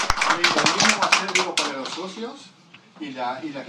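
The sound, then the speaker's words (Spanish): A burst of dense, rapid clapping from a group applauding their director, filling the first second and a half, with a voice talking over it. The applause then fades out and speech carries on alone. “La salud, el director nuestro, así que un gran aplauso a él por todas las ayudas que nos han dado.”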